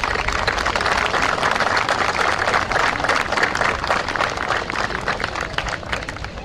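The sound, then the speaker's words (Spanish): An audience breaks into steady applause, a dense crackle of many hands clapping at an even loudness for several seconds, thinning slightly toward the end. No one speaks. The applause honors the team who organized an exhibition. “Creo que este esfuerzo merece un reconocimiento con un aplauso por parte de todos nosotros.”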